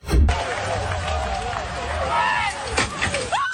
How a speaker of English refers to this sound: Oh, my God, what happened? About 12 cyclists went over the front of her mobility scooter.